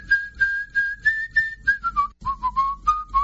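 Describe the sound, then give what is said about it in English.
A person whistles a clear, steady melody, a series of sustained notes that glide gently downward and then rise again, with no talking. “Let me hear you whistle again.”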